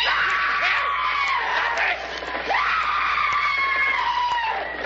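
A crowd of many people yelling and screaming while running away, in a loud, continuous commotion, voices overlapping with rising and falling shrieks.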